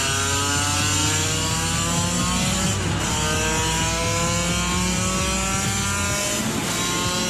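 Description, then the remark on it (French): A 35-year-old motorcycle, ridden along a straight, revs hard and loud. Its whine climbs steadily in pitch, with two brief dips as it shifts gears, before screaming upward again. No voices. “Ça n'en finit pas de prendre des tours.”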